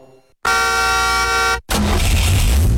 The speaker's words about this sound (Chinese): 肆意轰鸣的喇叭给城市交通带来喧嚣的杂音， 不随意鸣笛也是车主车德与修养的无声表达。